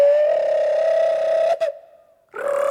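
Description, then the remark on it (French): A small bird's call as a long, steady whistle-like tone with a slight dip in pitch, a brief break, then a quiet pause before a second, brighter note begins. “Le petit oiseau commence à se décourager.”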